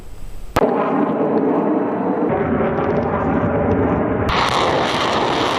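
A sudden loud blast of artillery fire during the Center-2026 multinational joint strategic exercise in Chelyabinsk, Russia, gives way to a sustained roar like aircraft engines overhead as a drone swarm takes off, the rumble shifting in tone twice and growing hissier near the end.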